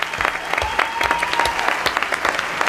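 An audience claps steadily, a dense patter of many hands at a fairly even loudness, with a faint high whistle-like tone rising through the middle.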